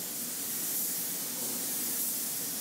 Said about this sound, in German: In mehreren Durchgängen sprüht er die Lackschicht auf den Rumpf, um später eine perfekte Oberfläche zu bekommen.